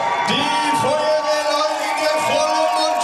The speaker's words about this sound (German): Und dann, nach etwa 3 Stunden, ist es geschafft. Und ihr Lieben, einen riesengroßen Applaus, da kommen sie!